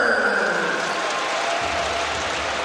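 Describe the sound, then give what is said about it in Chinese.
A large indoor crowd at a basketball game applauds player Tucker after he draws a foul in the first quarter. The clapping and cheering form a steady, dense wash that stays loud for the whole few seconds, with no clear voices standing out. “看看首节造成犯规，掌声送给塔克。”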